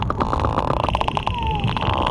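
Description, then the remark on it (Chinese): Sperm whale calves clicking continuously in a quick, uneven series of sharp pulses over a steady underwater hiss, mixed with a mysterious humming, a faint tone gliding downward partway through; the sound is loud enough to stir the seawater. “不断发出咔嗒声，其中还夹杂着神秘的嗡嗡声，声音大到足以引起海水的波动。”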